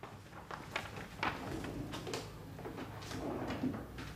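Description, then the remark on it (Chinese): A drawer slides open, followed by a few seconds of light wooden rattling and rummaging clatter as written records are taken out of it, with no one speaking. “那抽屉里不是有记载吗？你拿出来看看。”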